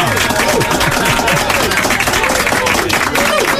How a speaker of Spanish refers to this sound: Estupendo, un aplauso para ti.